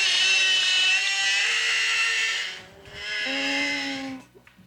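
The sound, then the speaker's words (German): Whale song: two long, sustained tonal calls, each a steady buzzy note thick with harmonics. The first lasts over two seconds, then a short gap before a slightly lower second call. “Man glaubt es nicht, aber so klingen Wale”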